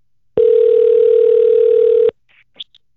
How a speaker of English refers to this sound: We took hundreds and hundreds of entries on the text line over the course of the last couple of weeks, and we've got a winner. I don't know who the winner is. I got a phone number to call. Let's do it.